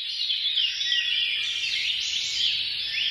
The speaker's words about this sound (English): It's the first time that researchers have found that birdsong can decrease feelings of paranoia.